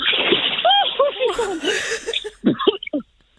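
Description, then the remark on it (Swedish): A brief splash of someone jumping off a fairly low jetty into cold water on a first swim with a new prosthesis, with a rush of spray, surrounded by wordless gasps and startled vocal exclamations before and after. “Ett litet plums. Lite plask.”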